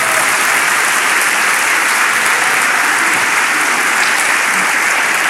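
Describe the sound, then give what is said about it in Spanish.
A church audience claps hands for the Lord in a dense, steady burst of applause, loud and continuous for the whole stretch, with no voices standing out. “Dele palmas al Señor.”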